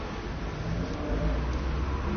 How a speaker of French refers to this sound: Un scooter de livreur de journaux.